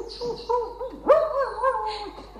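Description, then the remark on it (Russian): A yard dog whines and yips in a run of short, pitch-sliding vocal sounds, with one sharper bark-like burst in the middle, fairly loud and with no talking over it, as it circles near two people sitting on a bench by a gazebo in a garden. “Возле них вертится дворовый пес”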